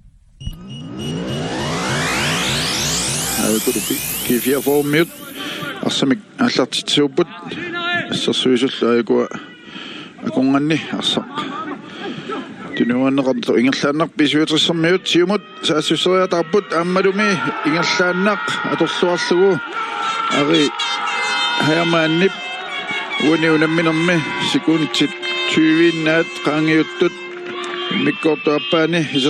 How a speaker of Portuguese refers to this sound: E dá para ouvir umas buzinas também no fundo, porque o pessoal está perto do carro, né? Então para o carro aí, fica do lado de fora do carro, fica buzinando para comemorar o gol.